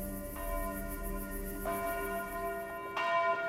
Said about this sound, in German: Noch keine 5 Minuten hatte die Glocke des Kapuzinerklosters zur Abendmesse geläutet, da war die Kirche schon vom dichten Gedränge der Gläubigen erfüllt.